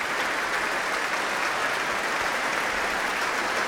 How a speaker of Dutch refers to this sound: Het werd hier gespeeld door het Concertgebouworkest onder leiding van Klaus Mäkelä. En een staande ovatie hier in de grote zaal van het Concertgebouw in Amsterdam. Waar Klaus Mäkelä net de trap op is gelopen.